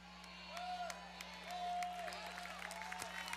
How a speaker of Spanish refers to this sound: Fuerte ese aplauso.